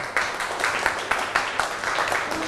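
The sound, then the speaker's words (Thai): A classroom of children claps for group 5 in a dense, steady burst of applause with rapid overlapping claps and a few sharper accents, moderately loud throughout. “เก่งมากกลุ่ม5ปรบมือค่ะ”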